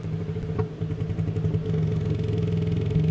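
An animal's rapid clicking plays from a phone speaker, the clicks running together into a steady, buzzy, low rattle, almost like an idling engine, for about three seconds with no talking.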